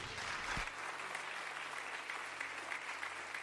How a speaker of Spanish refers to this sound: ¿Cuánto bendicen a Dios? Póngame esto por acá, dele un aplauso a Dios.